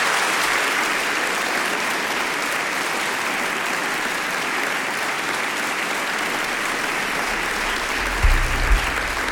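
Steady, dense applause from an audience for a band at Ištekani fills the whole stretch, a loud continuous wash of clapping with a couple of brief low thumps near the end.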